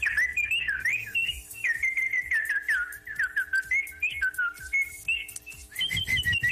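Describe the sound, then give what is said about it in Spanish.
A person whistles a lively, wandering melody with sliding, warbling notes for several seconds, clear, with faint tapping or clicking sounds in the background and no talking. “Yo no sé chiflar, maestra. Enséñeme clases de chifladología.”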